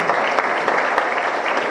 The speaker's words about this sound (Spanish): Con este aplauso